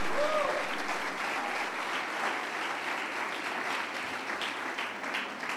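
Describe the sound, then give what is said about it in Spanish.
An audience breaks into sustained applause for the Lord, a dense, steady wash of many hands clapping at once that holds its level throughout, with a few voices faintly rising through it. “Pues denle un aplauso al Señor por eso.”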